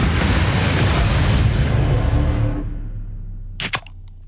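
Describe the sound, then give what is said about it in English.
A soft drink can being cracked open: a long fizzy hiss that fades out, followed by two sharp metallic clicks in quick succession. No one speaks. “Can number two”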